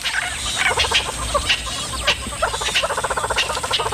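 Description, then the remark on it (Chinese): Loud, harsh alarm calls from birds that have spotted a female leopard come in rapid, rattling bursts, several birds overlapping in a noisy, agitated chorus that keeps going without pause. No one speaks. “这些鸟类对花豹满是戒备，只要看见花豹就会发出响亮的叫声提醒同伴。”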